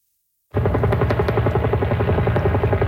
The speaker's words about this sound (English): The sound of helicopters dropping water on a wildfire that broke out inside a regional park about 40 kilometers east of downtown Vancouver. Fire is currently out of control.